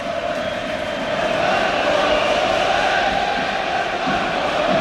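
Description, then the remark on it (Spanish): A large football stadium crowd chants together during a match in a loud, sustained roar, voices blending into a steady unified tone that holds without a break for the whole stretch. “Y vamos a ver más cánticos.”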